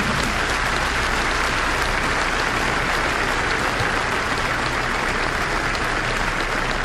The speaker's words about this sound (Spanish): Si le va a aplaudir, aplauda al Señor con todo el corazón.